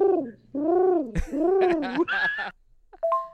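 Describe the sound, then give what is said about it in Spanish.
A voice imitates a seagull with three drawn-out, wavering squawks in a row, loud, followed by a short, high squeak after a brief pause. “Este que las gaviotas no dan besos, nomás hacen”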